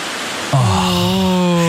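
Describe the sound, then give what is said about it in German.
Steady rushing hiss of autumn leaves rustling in the wind in the trees, with a low, even humming tone joining about a third of the way in and holding to the end. No one speaks. “Es wird einfach wieder windiger und das sorgt halt für dieses Blätterrauschen.”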